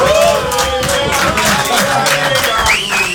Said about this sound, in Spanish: Emoción, pasión, hay un cierto público aquí. ¿Pueden aplaudir, por favor?